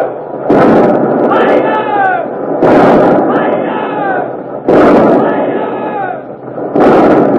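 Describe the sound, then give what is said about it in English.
Four heavy cannon blasts from the Revenge's port-side broadside, fired at the Armada from 60-pounders, 30s, 18s and 9s, boom roughly every two seconds, each a loud crashing burst followed by a rumbling roar, with shouting crowd voices carrying between the shots. “But the Revenge is stopping, turning broadside, showing her port guns to the Armada. The 60-pounders, the 30s, the 18s, the 9s.”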